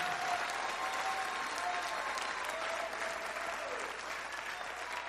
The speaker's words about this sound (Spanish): Dele fuerte ese aplauso al Señor, pero fuerte como Él se lo merece.